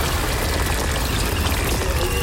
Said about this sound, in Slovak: Tečenie vody nie, ale pršanie sme uznali.